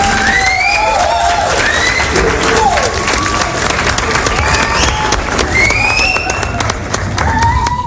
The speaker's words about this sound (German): Cool, whoever wer diese Idee hatte, good for you. Ja. Kriegt einen Applaus.